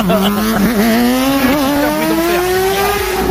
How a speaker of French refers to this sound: Il nous dit, j'aimerais interdire le mec qui, vers 4 heures du matin tous les jours, traverse à fond avec sa moto.